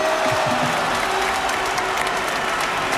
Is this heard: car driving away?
no